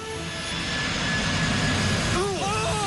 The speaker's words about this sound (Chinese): 与此同时，375航班在地面滑行了700多米，速度逐渐加快，最终达到了每小时200多千米，顺利地冲出了九号跑道的尽头。